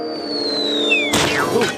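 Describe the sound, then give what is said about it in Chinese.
A high, slowly falling whistle tone gives way to a sudden loud crash of a flower pot shattering, followed by a scatter of breaking pieces and a second smaller clatter. “这是个花盆”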